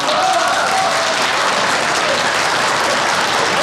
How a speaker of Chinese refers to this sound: 接下来我们就要进行一个非常重要的仪式，那就是抓周。下面让我们掌声有请